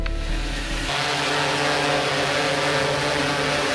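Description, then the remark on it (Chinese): A drone flies up an apartment building to check which windows are open, its rotors producing a steady, high-pitched whirring buzz that holds at constant loudness throughout, with no voices. “带着无人机来一趟。”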